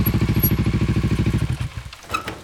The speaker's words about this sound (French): nous attend avec sa moto et son sidecar et nous conduit à travers des routes toujours plus cabossées.